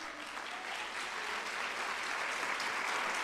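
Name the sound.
audience applauding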